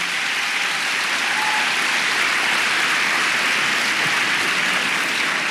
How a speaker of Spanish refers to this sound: Amén. Dele palmas al Señor.